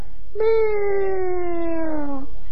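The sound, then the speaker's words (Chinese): A person imitates a kitten with one long, drawn-out meow that slowly slides downward in pitch, fairly loud, about two seconds long and heard on its own. “宗英赶紧用手轻轻的一掐这小猫，这小猫蹭的一下子出去了”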